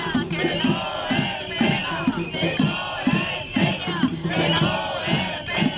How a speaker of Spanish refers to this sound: Durante hora y media han hecho oír su voz frente a las dos puertas del complejo cinematográfico al grito de "no se pega" tras esa agresión por la espalda de una maestra frente a la Consellería de Educación.